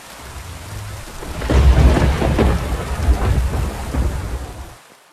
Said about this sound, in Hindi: इसी बीच पहाड़ों पर भारी बारिश होने लगी।